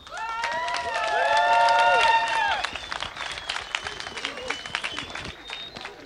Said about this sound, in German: Also könnt ihr nochmal üben und euch selbst nochmal einen dicken, fetten Applaus geben für diesen wunderschönen Abend hier.